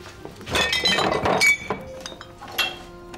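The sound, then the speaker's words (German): Drinking glasses clink and chime against each other as they are fetched, a busy cluster of bright knocks over about a second, then a few scattered softer clinks. “Ich hol mal die Gläser.”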